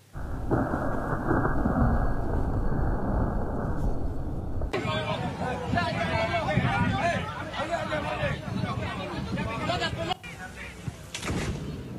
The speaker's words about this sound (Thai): คุณผู้ชมคือฟ้าผ่าลงมาแรงมากกลางสนามเลยนะครับนี่เป็นภาพที่สร้างความสะเทือนใจให้กับผู้ที่กำลังเข้ารับชมภายในสนาม